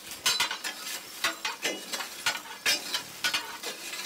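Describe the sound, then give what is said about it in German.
A steam locomotive's drain valve rattles in irregular metallic bursts over a constant, fairly quiet hiss of escaping steam, with no one speaking. “die Entwässerungsventil klappert da vor sich hin und irgendwas rauscht immer, irgendwas zischt”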